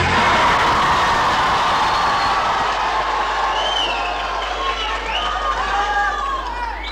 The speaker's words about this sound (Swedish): De spontana glada röster vi hörde här alldeles nyss, de kom från